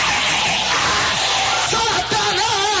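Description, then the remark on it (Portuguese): A church audience shouts "glory" together in a loud, continuous roar of many voices, with a few individual cries rising above the dense crowd noise near the end. “Dá um glória à igreja. Pode gritar quem na é igreja.”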